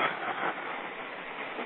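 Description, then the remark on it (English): A subway train rolls past at 34th Avenue and 31st Street as a storm comes in, with a steady, continuous rushing rumble that holds at an even level throughout, loud, with no voices. “I just saw a subway roll past.”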